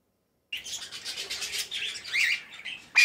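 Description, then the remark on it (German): A busy tangle of bird calls at a bird park in Solingen, Germany, home to dozens of bird species, with overlapping chirps, quacks, squawks and chattering cries filling the air continuously at moderate volume, ending in a sharper, louder call. “Hier wird den ganzen Tag lang gezwitschert, gequakt und gezetert.”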